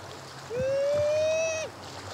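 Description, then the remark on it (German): At the beach, a man lets out one long, loud, wailing call imitating a sea lion mother's call for the young sea lion in his care, held for about a second and ending with a quick drop, over a soft background of lapping water. “Er ahmt den Ruf der Seelöwenmutter nach.”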